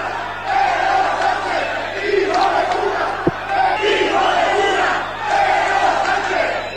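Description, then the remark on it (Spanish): A large crowd at the Plaza de Cánovas del Castillo in Spain shouts and chants, including insults, at Pedro Sánchez as he gets out of his official car, in loud, rhythmic waves of massed voices, with one sharp crack partway through, steady low hum beneath. “Y al bajar del coche, Pedro Sánchez, la gente apostada en los alrededores lo recibieron así, con esto de cariño y con estas demostraciones de afecto.”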